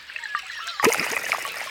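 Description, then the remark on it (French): Small watery pops and bubbly trickling sounds as bubbles burst at the surface of a shallow little forest pond surrounded by willows and alders, made by a small creature living in or on the water, with a sharper splashy burst partway through, then continued soft, irregular bubbling. No voices are heard. “Je n'entends pas grand-chose, à part le bruit des bulles qui explosent à la surface de l'eau.”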